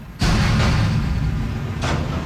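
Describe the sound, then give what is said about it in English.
A sudden loud metallic slam as a metal recycling bin hits the back of a garbage truck before 6 a.m. at Chemin Chambly and Gaétan Boucher Boulevard in Saint-Hubert, followed by a heavy engine rumble and a couple more clanking bangs. “A metal recycling bin slammed into the back of a truck, one of three that passed by Chemin Chambly and Gaétan Boucher Boulevard before 6 a.m.”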